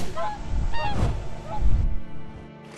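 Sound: swans honking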